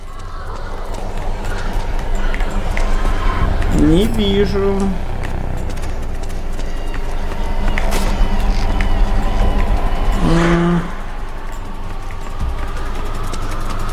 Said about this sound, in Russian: Непонятно, тут шаги с двух сторон сходятся.